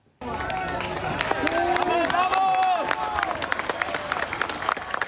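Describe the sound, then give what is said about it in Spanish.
Emergency teams in Cali, Colombia burst into loud, sustained applause after rescuing a man trapped in a building collapsed by a magnitude 7.4 earthquake, with rapid dense clapping, cheers and excited overlapping voices, energetic throughout. “En Cali, equipos de emergencia estallaron en aplausos luego del exitoso rescate de un hombre que había quedado atrapado en un edificio colapsado.”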